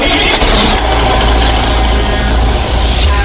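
A car engine sound effect: the engine starts and runs loud, with a deep steady rumble and a slight rise in pitch as it revs after starting. No voices.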